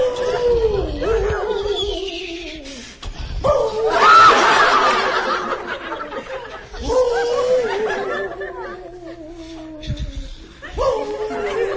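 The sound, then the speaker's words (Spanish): A person imitates a wolf's howl in several long, wavering vocal glides that slide downward in pitch, repeated one after another, fairly loud, with some breathy, laughing noise mixed in. “Estoy haciendo mi lobito lo mejor ahí en este momento, señor.”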